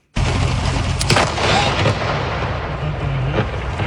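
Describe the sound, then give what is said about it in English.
A sudden, loud crash of thunder from a massive lightning storm near Burrard and 4th in Vancouver on Saturday night breaks into a sustained, rolling rumble, with sharp crackles partway through and again near the end. No voices, just the storm's roar throughout. “Multiple thunderbolts overnight created incredibly loud boom sounds and bright light flashing to light up rooms.”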